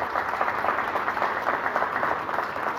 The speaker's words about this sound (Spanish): Entonces, fuertes sus aplausos para el presidente de la rural, Ariel Gamín.